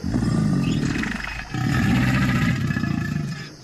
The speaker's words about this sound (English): That said, gators definitely know how to growl.